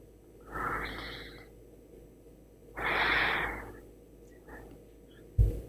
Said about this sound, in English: My brother, you need to yawn 3 times for me right now.